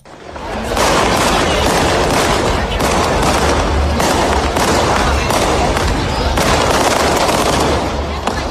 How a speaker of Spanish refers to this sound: Menuda fiesta. Cohetes para anunciar una fiesta marinera y también para seguir soñando.